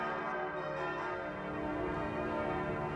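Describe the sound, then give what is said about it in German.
The bells of the Martinskirche in Martinshöhe, known as the cathedral of the Sickinger Höhe, ring continuously in a dense, overlapping peal, their resonant tones blending into a steady wash of sound at moderate loudness, with no voices present. “Vom Klang der Schalen zum Klang der Glocken.”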